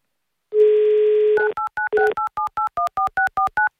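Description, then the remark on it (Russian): A steady dial tone hums for about a second, then a quick run of about eleven short, evenly spaced touch-tone beeps as Avtoradio radio hosts dial a listener's number, each a clear two-note chirp at shifting pitches. “Ну, давайте прямо сейчас мы Алексею позвоним, все-все-все про мечту расспросим, еще и денег ему выдадим.”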